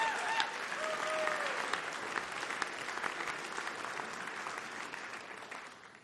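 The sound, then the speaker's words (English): A crowd claps steadily in sustained applause for two musicians, a dense wash of hand claps with a brief whistle early on, gradually tapering off toward the end. “Give it up one more time”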